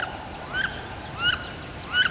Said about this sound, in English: This is WSHU's Birdsong Break. This week, it's the wood duck.